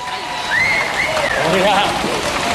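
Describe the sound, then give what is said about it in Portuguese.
An audience claps for the next artist to take the stage, in a dense, steady wash that swells slightly after the first half second, with a few high whistles and cheering voices gliding over the applause. “Um forte aplauso para o próximo artista a pisar este palco”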